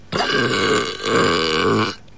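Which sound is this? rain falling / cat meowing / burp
burp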